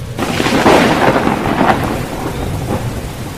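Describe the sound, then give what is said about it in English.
A thunderstorm rages among the mountains with heavy, steady rain and deep rolling thunder rumbling underneath, loud, with no voices. “I wandered out to watch the tempest”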